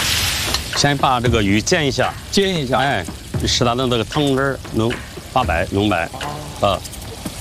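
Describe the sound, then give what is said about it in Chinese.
A bighead carp fish head, patted dry, sizzles as it pan-fries in hot oil for a spicy fish head dish, a steady crackling hiss running continuously beneath a person talking. “先把这个鱼煎一下。”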